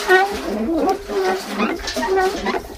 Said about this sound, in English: you're hearing well sort of sounds? Yeah, you know, the well mechanism as you raise it